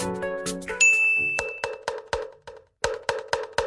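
A kentongan is struck in a quick, uneven series of hollow, woody knocks, about nine beats after a brief ringing chime opens the sound. No one speaks.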